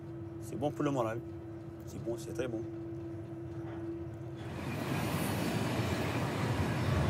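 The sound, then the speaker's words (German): A passenger train rolls along with a steady rumble, heard in the passenger car at the very back of the train; faint voices and a sustained low hum come first, then a louder, hissing rush of rolling noise swells and holds to the end. “Auch im Passagierwaggon ganz hinten am Zug geht es gemächlich zu.”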